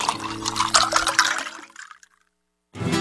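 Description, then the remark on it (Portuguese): Blessed water pours and splashes for about two seconds, a broad, bubbling gush that tapers off into silence before another brief burst of sound starts at the end. “Gente, agora pegue essa água que foi benzida e fluidificada e dê todo dia de manhã um pouquinho para a pessoa que encontra-se enferma.”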